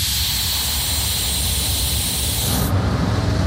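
The old Petit train de la Mure, south of Grenoble, braking hard as driver Clément brakes from the train's original 1932 cab: a loud, steady hiss of air over a low rumbling churn, the sharp top of the hiss cutting off abruptly near the end while the rumble continues.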